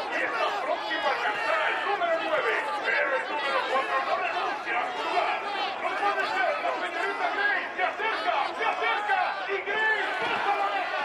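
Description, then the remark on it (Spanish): A dense crowd in a betting center shouts and cheers without pause, urging on horses in a race shown on monitors; loud, with many overlapping excited voices merging into a steady roar. “y su amigo gritan eufóricos alentando a su caballo”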